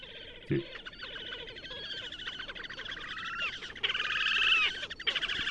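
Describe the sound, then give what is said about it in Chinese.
A young bird's chick-like calls: rapid, high, overlapping peeps repeating without pause, swelling louder toward the end, with a brief low thump near the start. “那幼鸟呢，就很像小鸡的叫声”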